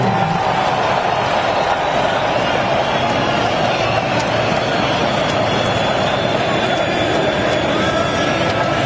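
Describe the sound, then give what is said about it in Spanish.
A huge stadium crowd roars steadily throughout, thick with whistling and cheering as Trump and Infantino present the 2026 cup to Spain's Rodri, the dense wall of noise staying loud and unbroken with no single voice standing out. “Y ahí se va cantando y aplaudiendo Trump, silbidos del estadio.”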